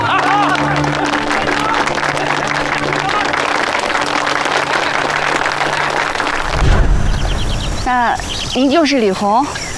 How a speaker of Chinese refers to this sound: 弟兄们，鼓掌啊！